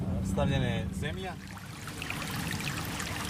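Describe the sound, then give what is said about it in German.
A small stream about 3 kilometres outside the town of Pljevlja, Montenegro, flows past properties with large meadows. It makes a steady burbling rush that runs throughout; a voice talks briefly over it at the start, then the water continues alone. “Wir sind gut 3 Kilometer außerhalb der Stadt an einem kleinen Bach.”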